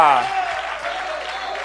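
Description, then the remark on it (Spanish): An audience claps loudly and steadily for the Lord, a dense wash of applause that holds at an even level, with a brief tonal voice or note fading at the start. “Puede darle un fuerte aplauso al Señor.”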